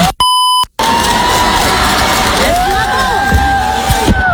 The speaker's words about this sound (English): That's a lot of cheering, and I feel like that's adult cheering as well. That doesn't sound like that's just limited to middle school cheering.